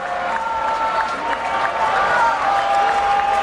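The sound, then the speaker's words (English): A baseball stadium crowd cheers and claps steadily during a game, with a batter at a 3-0 count, one out and a runner on first; a loud, dense roar of voices and applause with shouts and whistles rising over it throughout. “Crowd sensing an opportunity here now.”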